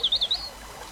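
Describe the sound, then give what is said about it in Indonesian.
A quick run of four high, bright bird chirps, then a fading trill, over a soft, steady wash of the flowing Batanghari River in the background. “Ia pun bertapa sehari semalam di tepi Sungai Batanghari.”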